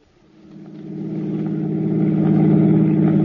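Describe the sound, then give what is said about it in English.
A car engine hums steadily as Siegel's car drives towards the George Washington toll bridge across the Hudson River, the low rumble building in loudness over the first second and then holding continuous, with no voices. “drove towards the George Washington toll bridge, across the Hudson River in Siegel's car, with the third criminal, Bud Aldridge, following in their own car.”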